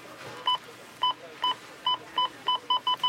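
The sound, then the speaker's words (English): A checkout scanner at a Rona store beeps repeatedly during Rona Week: about nine short, bright electronic tones that come faster toward the end, over a faint background hum with no talking. “You know it's Rona Week when the checkout sounds like this.”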